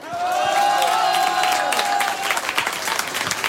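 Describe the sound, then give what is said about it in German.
A live audience at an event broadcast on Radio U1 Tirol applauds loudly and steadily for the radio listeners, dense clapping with a few cheers, plus a sustained whistle-like tone in the first two seconds before the clapping thins slightly toward the end. “Vielen Dank fürs Einschalten, fürs Zuhören, und ich würde sagen, liebes Publikum, wir schicken noch einmal einen Riesenapplaus an alle Hörerinnen und Hörer von Radio U1 Tirol.”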